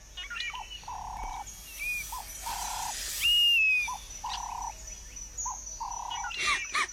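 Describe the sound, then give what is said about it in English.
A honey-guide bird chirps in a steady series of short, even calls, with a few higher thin whistles mixed in, set against a soft, constant outdoor ambience. “Leave me alone, snake! The honey-guide bird chipped, flapping its wings.”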